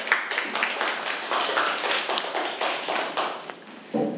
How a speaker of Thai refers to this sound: ครับเรียบร้อยแล้วใช่ไหมครับปรบมือเพื่อนด้วยครับนักเรียน